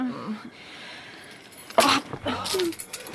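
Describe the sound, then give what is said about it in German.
Keys jangle in two brief bursts of bright metallic jingling as they are handed over, the second longer and busier, after a quiet stretch with a faint low murmur. “Gib mir den Schlüssel.”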